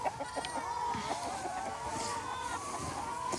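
A dense chorus of many hens from a farm flock of 1000 clucking and squawking at once, a continuous overlapping din with short sharp calls poking through, steady and fairly loud throughout.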